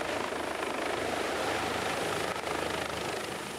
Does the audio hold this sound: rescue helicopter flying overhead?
yes